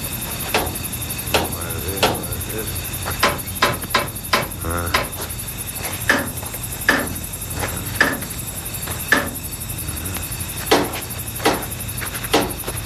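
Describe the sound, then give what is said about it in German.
A special hammer carefully taps each wheel and bolt of an old locomotive at dusk, sharp ringing metal strikes at an uneven, unhurried pace, some close together, some spaced apart, over a steady low hum in the background. “nahm einen besonderen Hammer heraus und beklopfte vorsichtig und schweigend jedes Rad und jede Schraube”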